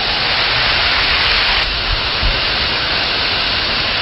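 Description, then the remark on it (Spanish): Heavy rain pours down in a dense, unbroken hiss that stays loud and steady throughout, with faint low thumps beneath and no voices. “Tremenda lluvia que se vino.”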